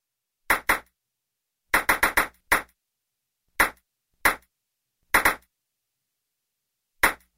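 A ping pong ball bounces about a dozen times in irregular bursts for a bounce-counting game on the radio show 105 Super Weekend, some hits coming in quick clusters and others spaced apart by long pauses. Each bounce is a crisp, bright click, with no talking.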